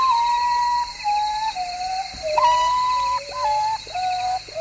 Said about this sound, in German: So ein Vogel der Woche. Der Uratau. Der Tagschläfer.